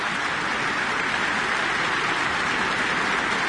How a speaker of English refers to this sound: Jim and You inviting Madeline Pierard back on stage for another round of applause. Another bow from the podium.